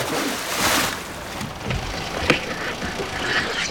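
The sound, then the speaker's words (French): An anchor is thrown from a boat on the open sea, with the engine cut, making a rushing splash and a sharp metallic clunk, then scattered rattles over steady outdoor water and wind noise. “Je vais couper le moteur et plonger le rejoindre. Je jette l'ancre.”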